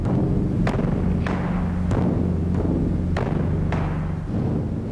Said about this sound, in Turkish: Shigo'nun da bu taiko'nun sesini kontrol etmek için parmaktan daha büyük bir şeye ihtiyacı var. Ağır topları çıkarma zamanı.